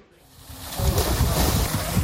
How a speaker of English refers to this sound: On a sweltering day, Israeli settlers splash in a pool at a Jordan Valley archaeological site. It was filled this summer by diverting the water supply for a nearby Palestinian village in the occupied West Bank.